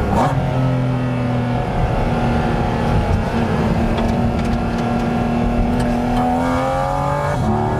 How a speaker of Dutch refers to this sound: Ik kan toch iets vroeger op het gas, want het is een middenmotor. Maar ja, dan worden die snelheden zo hoog. Dit is de openbare weg. Dus, en zo'n auto als dit, die 718 Cayman GT4 RS, ja, die komt natuurlijk echt beter tot zijn recht op het circuit.